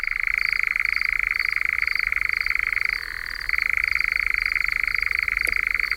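A European nightjar churrs in one long unbroken mechanical trill, steady and fairly loud. Midway it briefly drops in pitch before resuming its even whirring. No voices are heard.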